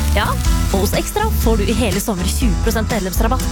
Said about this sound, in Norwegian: Det er lyden av en grill. Perfekt big beefy burger.